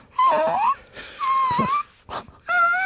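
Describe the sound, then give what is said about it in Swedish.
As a voice exercise, a person imitates a puppy with three high, nasal whines, each sliding and wavering in pitch, separated by brief pauses. The whines are fairly loud, with no talking. “Sen skulle jag också göra en röstövning som var att jag skulle låta som en hundvalp.”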